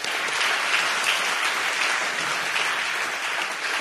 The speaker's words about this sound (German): Und da ist jemand da vom solidarischen Magdeburg, übrigens ein ganz wichtiger Teil dieser Stadt. Ein kleiner Applaus für solidarische Magdeburg.